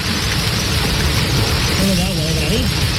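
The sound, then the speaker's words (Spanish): Heavy rain mixed with hail pours down in a loud, steady hiss and rattle, with faint voices rising briefly beneath the downpour near the end. “una lluvia acompañada incluso de granizo que sorprendía así a los vecinos.”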